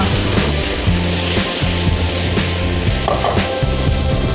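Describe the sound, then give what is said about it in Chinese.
Continuous sizzling of watermelon pan-frying in plant-based oil, a steady bright hiss with occasional stirring and scraping sounds underneath and a low rhythmic hum in the background. “而且很有趣的是，西瓜煎完之后它有一点地瓜味，因为西瓜的甜会有点像焦糖 啊。”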